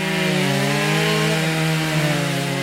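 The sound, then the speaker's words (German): The chainsaws of two of 22 wood-carving artists at the carving days in Altenkessel, Germany, run steadily, their engines droning loudly with a continuous harmonic whine as they cut into wood, with no speech. “Das sind nur die Kettensägen von zweien der 22 Kunstschnitzer, die vergangenes Wochenende in Altenkessel zu Gast waren.”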